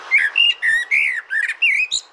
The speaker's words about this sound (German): Wir hören mal kurz die Amsel, damit wir uns kurz erinnern, wie schön die Amsel eigentlich klingt.